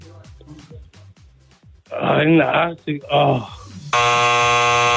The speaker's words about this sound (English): Ryan was very quick on that buzzer.